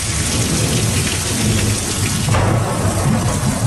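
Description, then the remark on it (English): Heavy rain from a major storm bearing down on the U.S. Gulf states pours steadily in a loud, dense hiss while low thunder rumbles underneath, swelling briefly past the midpoint; no voices are heard. “A major storm is bearing down on the U.S. Gulf states.”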